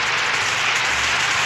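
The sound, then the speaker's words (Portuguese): A dense, steady wash of crackling noise like a crowd applauding, loud and continuous throughout with no talk over it. “Agora sim, mais palmas, oi, oi, oi, oi, oi.”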